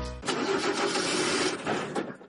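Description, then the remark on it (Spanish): A car engine cranks and sputters roughly into life, making strange noises: a loud, uneven mechanical rattle and roar lasting a couple of seconds with no one speaking. “¿Tu coche hace ruidos extraños o se ha encendido un testigo en el salpicadero?”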